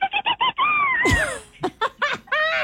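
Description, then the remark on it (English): A voice imitates a bottlenose dolphin call as a sound effect for a beach story read aloud: quick squeaky chirps, a long whistle that bends downward, a sharp breathy burst, then a run of high, chattering squeals. “A bottlenose dolphin let out a triumphant call in the distance.”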